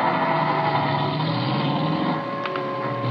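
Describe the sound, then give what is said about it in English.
A man drives away in his car. The engine runs steadily with a continuous droning hum and tonal whine, fairly loud, easing only slightly toward the end. No one speaks. “Or when I peeked over the top of the stairs, he was in his car and going.”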